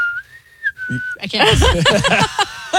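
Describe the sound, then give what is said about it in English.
A person whistles a short, steady note that bends slightly in pitch for about a second, then loud, animated voices quickly take over. “Where she whistles, she goes...”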